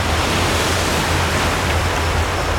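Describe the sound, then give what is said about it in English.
A continuous, loud roar of ocean surf fills the whole recording, a dense wash of water noise with no pauses and no voices. “Waves, tremendous waves. Scary waves.”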